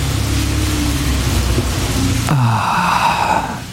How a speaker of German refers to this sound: Regen. Endlich wieder Regen. Das riecht auch immer so gut.